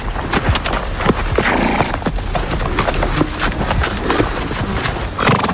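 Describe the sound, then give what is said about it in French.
Horse hooves clip-clop steadily on a hard floor at a stable, with a brief whinny and busy stable clatter around them; no one speaks. “nous sommes à la découverte du monde merveilleux du cheval.”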